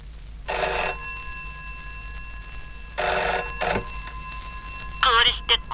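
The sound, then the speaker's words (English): An old-fashioned British telephone ringtone, a UK sound effect in a UK-produced work, rings in short, loud trilling bursts, a pause, then a quick double ring. A brief high-pitched voice-like sound follows near the end. “And yeah, you wonder why it was an American with a British ringtone.”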